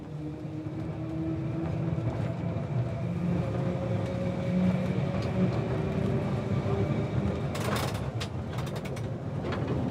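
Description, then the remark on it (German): A Snaefell Mountain Railway tram, bound for Mount Snaefell, the highest peak on the island, rumbles steadily along rails with a continuous low mechanical drone and whining tones, joined near the end by a burst of sharp clattering clicks from the wheels on the track. “Die Snaefell Mountain Railway. Ihr Ziel, der Mount Snaefell, der höchstgelegene Gipfel der ganzen Insel.”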